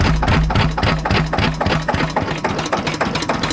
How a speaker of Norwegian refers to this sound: Vi går bort igjen til denne her Lister 4-takteren da, skal vi se her. Det er masse motorer som driver og triller ut her, så vi må passe på så vi ikke blir sperret inne. Skal vi høre litt mer lyd da?